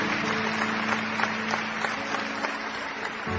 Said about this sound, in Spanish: Y todos le damos a Él aplausos. Aleluya. Gracias, Señor. Amén.